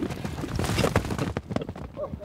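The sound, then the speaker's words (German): Horse hooves clip-clop in an uneven run of dull thuds over a busy, noisy outdoor background, moderately loud. The horses belong to a nomadic herder and live mostly wild on the steppe around Mount Zümba. “Die Pferde des Nomaden leben die meiste Zeit wild.”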